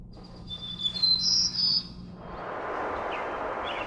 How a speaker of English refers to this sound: And they'll be suspended and they'll be playing bird song data, which is actually a biologist's data, Dr. Flanagan from the University of Lethbridge. And it is the returning of birds to a severely burned forest post-fire.